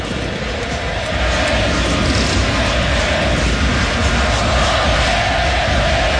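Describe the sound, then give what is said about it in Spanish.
A huge crowd at the Estadio Monumental roars and applauds Lionel Messi in the stands, a steady, dense wash of noise that holds loud and unbroken for the whole stretch, with no voices standing out. “Una marca también importante para el 10, que acá recibe los aplausos de todo mundo en el Estadio Monumental.”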